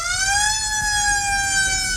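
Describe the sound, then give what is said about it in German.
A loud emergency vehicle siren wails with a steady, slowly rising and falling tone, rich in harmonics, over low traffic rumble, continuous throughout. “Leute, wenn wir an Sirenen denken, denken wir in der Regel erstmal an sowas hier.”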